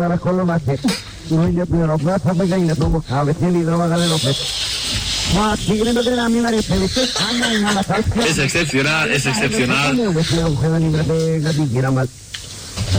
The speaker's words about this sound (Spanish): Ahora, escuchen porque está haciendo gárgaras en japonés mientras cuenta el chiste.